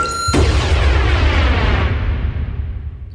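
A loud, booming explosion effect opening a song bursts in after a brief high tonal shimmer, with heavy low rumble that slowly decays over about three seconds. No one speaks.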